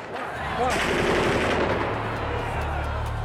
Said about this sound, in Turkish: Silah sesleri, makinalı tüfek sesleri duyduk.